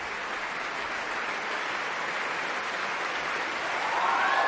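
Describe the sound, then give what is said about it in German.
Sustained audience applause for stand-in singer Magnus Dietrich, a dense wash of many hands clapping at a steady level that swells slightly louder toward the end, with no voices over it. “Und das hier ist der verdiente Extra-Applaus für Magnus Dietrich, den Einspringer heute, der das alles hier noch ganz schnell sich drauf geschafft hat, wo er hin muss.”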